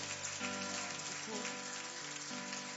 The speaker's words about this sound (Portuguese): Mas com aplauso bem forte, bem alegre. Oh, glória.